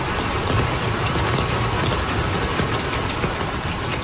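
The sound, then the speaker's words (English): Heavy monsoon rain pours down in Bangladesh in a dense, unbroken roar, loud, with no voices and no pauses throughout. “dozens of people have been killed in flash flooding and landslides due to monsoon rains.”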